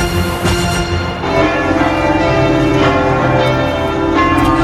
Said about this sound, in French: Il était 10h ce matin quand les cloches de tout le pays ont sonné, comme ici à Tours. 7 minutes pour célébrer l'arrivée du pape en France.